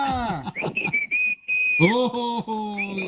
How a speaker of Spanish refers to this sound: La cumbia de los chiflidos. Te la repitió dos veces.